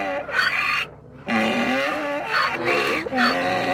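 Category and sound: sound effect, donkey braying sound effect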